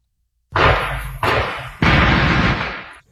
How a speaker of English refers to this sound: People who live in Lincoln Heights and Woodlawn are going to have to put up with the sound of constant gunfire in their backyards for at least another year.